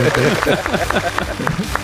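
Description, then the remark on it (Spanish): A few people clap in a quick, steady rhythm, sharp hand claps repeating about every fifth of a second, while voices keep talking over them. “Bueno, aplaudimos, ¿no, chicos? Aplaudimos.”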